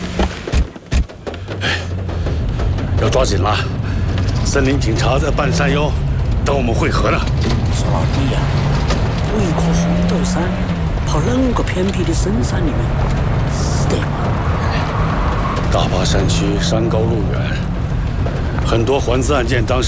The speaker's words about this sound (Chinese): 哎，发动了，发动了。好了，大家上来吧。 上车。